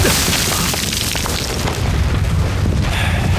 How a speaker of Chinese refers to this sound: 命令，炮击，开始。